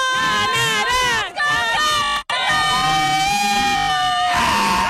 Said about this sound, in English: Okay, hope you're not wearing headphones out there. And it is just loud here. The crowd is back in it. Things were getting a little bit tense, but people are paying attention to the game.